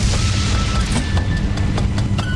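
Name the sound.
lightning strike thunderclap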